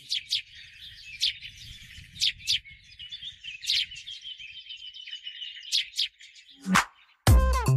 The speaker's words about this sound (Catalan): Bé, seria qüestió de posar-ho en pràctica i un dia començar a dibuixar el cant dels ocells.